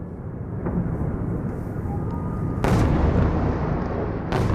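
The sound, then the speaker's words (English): Two sharp, heavy blasts from a Russian barrage of missiles and drones on Kyiv, Ukraine, in the middle of the night break through a constant low rumble, the second arriving a couple of seconds after the first, with a faint thud earlier on. No one speaks. “Russia fires a barrage of missiles and drones at Kyiv in the middle of the night.”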